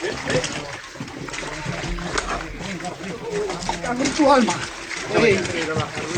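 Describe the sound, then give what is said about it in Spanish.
Continuous splashing and sloshing through floodwater, fairly loud, as firefighters of the Principado's Emergency Service try to control and rescue cows in the flooded village of Llamera, Cangas, with cattle moving about and indistinct human shouts and effortful voices rising over the churning water. “Se oye de fondo el chapoteo y los esfuerzos de los bomberos para controlar a los animales.”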